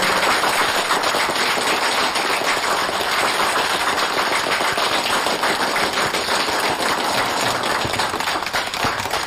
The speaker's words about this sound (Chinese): 掌声欢迎。